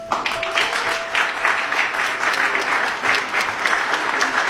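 Sustained applause from Swedish members of parliament rising to their feet to welcome Crown Prince Reza Pahlavi, dense and steady clapping at a loud, even level with a faint background tone, no individual voices standing out.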